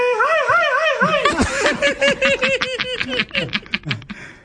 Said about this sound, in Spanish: Ahí estaba el grito, ahí estaba el grito, mijo, imbécil.